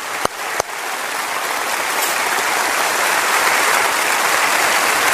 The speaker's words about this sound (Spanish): Este aplauso es para usted.